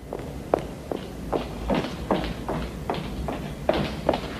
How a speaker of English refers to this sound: She straightens up and leaves. She walks down the corridor briskly, putting on her coat. She stops outside a door.